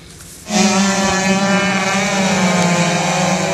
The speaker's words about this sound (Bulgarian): По време на гонка на републиканския шампионат по водомоторен спорт, двама от състезателите се сблъскват с висока скорост.